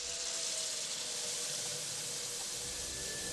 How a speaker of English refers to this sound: As he runs his plate under the tap, he gazes out through the window at the night sky. Steam billows up from the sink.